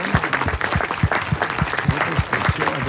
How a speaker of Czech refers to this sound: Za potlesku. Za potlesku početného publika tady v Příchovicích. penzionu u Čápa na Louce byla pokřtěna knížka.